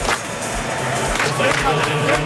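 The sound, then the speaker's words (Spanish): A large group claps in a steady, driving rhythm of traditional South African folk clapping as players walk onto a football pitch, a dense wash of hands mixed with crowd noise and voices, loud throughout. “Vamos que salimos, no son palmas flamencas, son el folclore típico sudafricano.”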